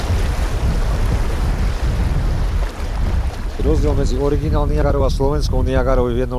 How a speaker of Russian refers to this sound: Усиливающийся шум воды предвещает очередные пороги. Впереди местный Ниагарский водопад.